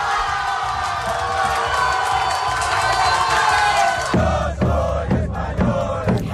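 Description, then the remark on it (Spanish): A large football crowd, watching Spain's victory over France on giant screens in main squares of Castilla y León, cheers loudly in a sustained, roaring wall of voices at the final whistle, then breaks into rhythmic, chanted shouts in regular bursts over the last couple of seconds. “Somos finalistas, y con el pitido final y esos dos goles se desataba la emoción y la euforia.”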